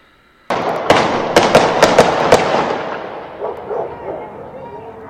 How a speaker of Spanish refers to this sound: Sí, son 9. Ah, mi cabrón, no sabe contar, ¿o qué? A ver, otra vez, vamos a ver. A ver, oiga, ¿cuántos disparos escucha usted? Usted que me está escuchando. Va. No, sí son 9.